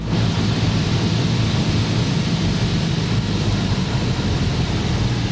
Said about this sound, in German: War gestern Nachmittag irgendwann im Anflug auf Jüst.